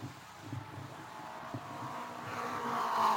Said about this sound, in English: Yes, I see Billy moving out. He's in his car, and his car is running. He's coming down the front straightaway. He may have to make a mandatory pit stop, but he is moving, I believe.